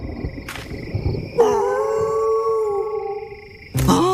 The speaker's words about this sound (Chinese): 每次我一唱，他们就嚎叫，他们好像以为我是他们的狼老大。